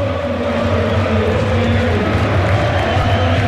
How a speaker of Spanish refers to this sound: Mira cómo canta la gente, sube el volumen Freire.